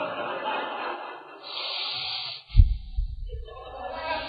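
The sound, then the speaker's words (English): A voice imitates the heavy, angry breathing through flared nostrils of a person mad at their spouse at home: a long hissing inhale, then a forceful snorting exhale with a low rumble, fairly loud, with no talking. “The nostrils flared. You can just hear that breathe.”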